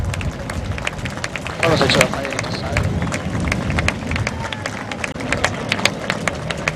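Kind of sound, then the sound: crowd, audience applause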